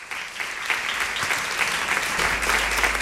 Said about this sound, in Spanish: Les pido un aplauso para Luis Ibarra.